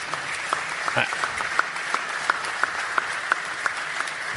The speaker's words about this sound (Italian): Grazie, grazie molte. Beh, un applauso glielo farei.